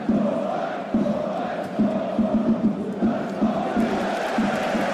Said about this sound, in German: Also die Ecken noch offen, die Ecken sollen gefüllt werden, damit noch mehr Zuschauer reinpassen hier ins Stadion in Essen an der Hafenstraße.